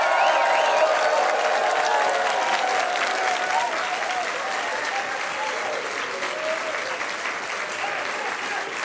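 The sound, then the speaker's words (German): A large live audience at a music show with singers claps steadily and loudly throughout, with scattered whoops and cheers rising above the dense applause and a few voices calling out in the mix. “Die klatschen nämlich jetzt und werden juchitzen, damit ihr mitkriegt, die Stadt ist voll in Regen.”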